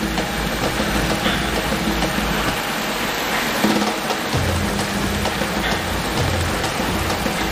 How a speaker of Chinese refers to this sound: 接下来20式枪组将面对的是暴雨的洗礼。这间淋雨试验室能够模拟每分钟3毫米至10毫米的降水量，足以验证枪械在淋雨、溅水、喷水等水环境中的使用情况。